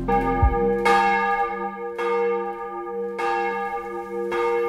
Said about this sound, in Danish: Klokkerne ringer til morgenandagt fra Vor Frue Kirke i København.